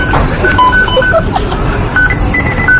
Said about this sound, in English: If we're going for sound effects, yes. The beep that you hear when the deep fry is popping off at McDonald's.